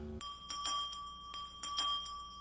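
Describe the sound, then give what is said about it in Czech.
An electric bell rings continuously with a bright, steady metallic tone, its sustained clatter pulsing slightly in repeated bursts, moderately loud with no talking. “Někdo zvoní.”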